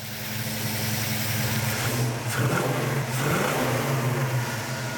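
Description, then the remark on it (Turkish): A car engine revs steadily with a deep, loud droning hum, rising briefly in pitch around the middle before settling back into a sustained growl, with no talking. “Bence sesi çok güzel. Bunu çok sevecek. Bu araba muhtemelen altından kaçıp gidecek.”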